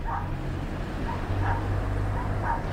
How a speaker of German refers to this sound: Doch schon seit Tagen hören die Nachbarn Hunde in einer kleinen Erdgeschosswohnung in dem weißen Apartmentblock bellen.